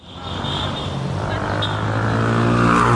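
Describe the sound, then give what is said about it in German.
Busy city street traffic in Cairo, Egypt, at a traffic island between two large streets: a dense, continuous roar of engines, with one vehicle's motor droning and rising in pitch as the noise steadily swells. “Auf einer Verkehrsinsel zwischen zwei großen Straßen steht sie”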